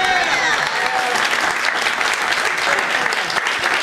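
Steady audience applause fills the whole stretch, a dense, loud wash of many hands clapping without pause, with faint crowd murmur mixed in.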